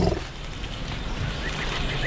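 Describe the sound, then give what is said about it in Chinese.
A deep, throaty elephant rumble, carrying infrasound, drones steadily for about two seconds, low and resonant with a rough, growling texture and no voices around it. “大象拥有发出次声波的独特能力，低沉的隆隆声里包含了许多我们人耳无法听到的信息。”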